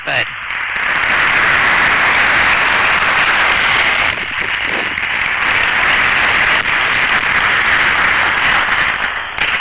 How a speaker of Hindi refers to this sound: जोरदार तालियों की गूंज के साथ माननीय प्रधानमंत्री श्री नरेंद्र मोदी जी का स्वागत करें। भारत के माननीय प्रधानमंत्री श्री नरेंद्र मोदी। तालियों की कड़कड़ाहट रुकनी नहीं चाहिए।